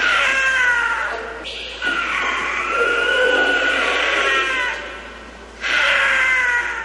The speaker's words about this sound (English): Holy cow. Wow. That is the scream of a cougar. That's super creepy. It's a large brown wildcat that is native to North and South America, from the tip of Argentina to central Canada and all across the United States.